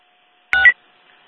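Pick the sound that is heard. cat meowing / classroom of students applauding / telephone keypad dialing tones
telephone keypad dialing tones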